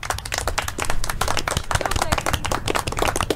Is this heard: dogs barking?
no